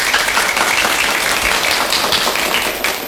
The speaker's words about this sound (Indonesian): Puisinya keren sekali ya teman-teman. Mari tepuk tangan yang meriah.